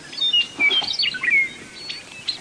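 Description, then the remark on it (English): A meadowlark sings in the dawn chorus on a clear May morning on the grassland plains of eastern Montana: a quick run of clear, whistled notes that slide and warble through high pitches, with other bird chirps scattered around it and no voices. “You can't turn in any direction here without seeing a meadowlark singing atop a shrub or fence post.”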